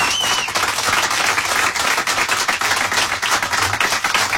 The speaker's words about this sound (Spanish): Fuerte el aplauso para él porque es un gran amigo.